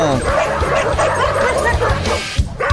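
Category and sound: animal, dogs barking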